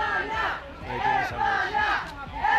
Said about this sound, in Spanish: Vean cómo les han recibido a su llegada al hotel, donde un grupo de aficionados les espera.